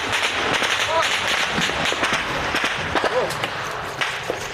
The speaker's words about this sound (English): A Russian drone above. The Ukrainians open fire.